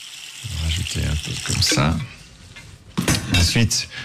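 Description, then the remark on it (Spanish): Water splashes and gurgles as it is poured into a container, in a couple of short bursts, as the first ingredient in a demonstration of making a comet, heard beneath a person talking. “Comenzaremos agregando agua. Es el ingrediente principal.”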